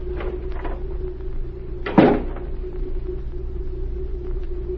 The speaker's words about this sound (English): the door opened again